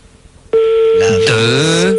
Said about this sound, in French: Là, je donne 3 sonneries et ça décroche.